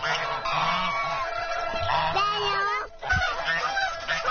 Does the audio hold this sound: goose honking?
yes